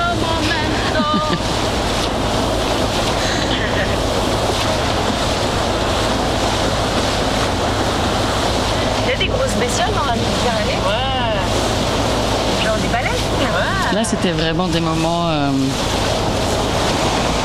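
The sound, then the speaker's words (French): A shuttle ferry boat running from L'Estaque to the Old Port of Marseille churns across the sea, its engine droning steadily beneath constant rushing water and gusty wind; a voice speaks briefly near the end. “Ça, c'est le bateau qui mène de l'Estac au vieux port de Marseille. La navette.”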